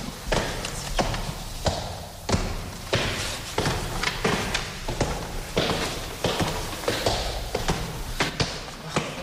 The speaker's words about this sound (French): Ça, c'est la porte capitonnée. Porte capitonnée qui marque l'entrée de la chambre de Frédéric Chopin, de l'ancienne chambre de Frédéric Chopin.